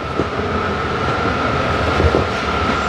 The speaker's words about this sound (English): I see it for myself when I ride the last BART train of the night to SFO. When the train pulls up at 1:15 a.m., about a dozen police officers on Segways are there to greet it.